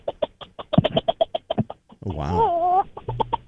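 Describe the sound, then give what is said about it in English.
A person imitates a bantam rooster calling its hens in: a quick run of rhythmic, clucking pulses, then a long wavering crowing call, clear, with a brief spoken exclamation. “I do a banny rooster. All right, let's hear the banded rooster. It starts out when he's calling the hens in, so he goes.”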